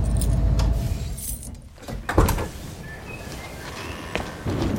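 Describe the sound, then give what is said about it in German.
A low idling van engine rumbles briefly, then cuts out as the driver stops for the police, followed by metallic key jingles and clicks in the quiet that follows. “Motor aus.”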